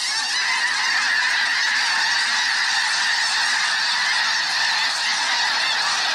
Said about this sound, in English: That big whoosh is the wings of 1,000 snow geese beating together, creating a rush of air like a passing freight train. Here it is one more time. As the tornado of geese whirls in the air, their calls build to an enormous crescendo.